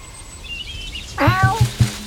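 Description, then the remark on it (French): A cat lets out a short meow with a bright, wavering pitch, preceded by faint high chirping in the background and a brief quiet stretch. “Les chats courent.”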